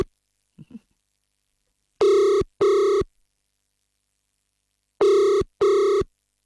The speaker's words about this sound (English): Come on, Ebba, pick up your phone.